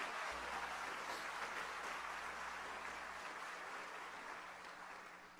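An audience claps together as praise to the Lord Jesus in a dense, sustained burst of applause that fills the room, holding steady for several seconds before easing slightly toward the end, with a low hum underneath.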